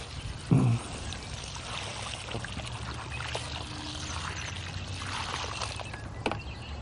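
About 15 gallons of water is poured steadily onto the ground to water it in March, in a continuous, splashing rush, fairly loud, with a brief heavier thump near the start and no talking.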